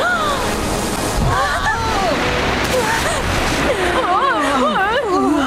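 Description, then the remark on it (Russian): Steady rushing ocean surf fills the whole recording with loud, continuous washing noise, while voices rise over it now and then, especially near the end. “О, вот еще одна волна!”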